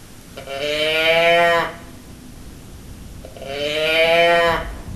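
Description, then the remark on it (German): A teddy bear growler toy gives two drawn-out, moo-like groans, each lasting over a second with a pause between. The tone is buzzy and reedy with a gently bending pitch, and no voices are present. “So ähnlich klang die Brumme meines Teddybären.”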